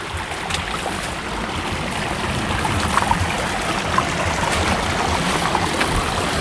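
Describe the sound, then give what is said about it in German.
Water rushes steadily along a stream, a continuous broad gurgling wash with small splashes and trickles bubbling up throughout, with no voices present. “Weil wenn der Bach wenig Gefälle hat, dann ist er tiefer.”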